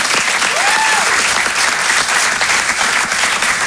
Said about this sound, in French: Bravo, on applaudit bien fort